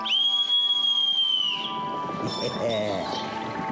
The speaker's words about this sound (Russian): Сейчас позову слуг. Видишь, вот серебряный свисток.